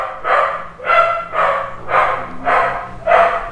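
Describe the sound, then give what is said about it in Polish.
A dog barks steadily, six even barks about half a second apart, clear with no one talking. “Już piesek już merda i nie to szczeka, już szczeka.”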